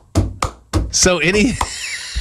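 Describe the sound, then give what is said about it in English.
A voice imitates the stomp-and-clap background percussion of a song: three sharp, evenly spaced thumping hits, then a hissing burst that slides into a wavering, sung tone before a final short tap. “Or, you know, I would go so far as to say, as the song we just heard, where it's got the basically the stomp and clap going on in the background with the percussion going like.”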